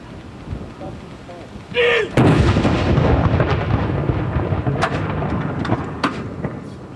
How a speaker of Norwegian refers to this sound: Det er altså 21 skudd i alt som skal avfyres. Og så er det da som vanlig ved sørgesalutt, så er det 30 sekunders pause mellom hver avføring.